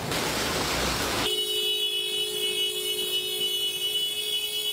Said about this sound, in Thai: อย่ารีบครับมันไปไม่ได้หรอกครับ บีบแตรซะขนาดนี้มันก็ไปไม่ได้อยู่ดีแล้วมวลน้ำมันไหลมาค่อนข้างเชี่ยวด้วยนะครับตรงนี้คือวงเวียนไข่มุก ที่ตำบลป่าตองของกระทู้ภูเก็ตนะครับ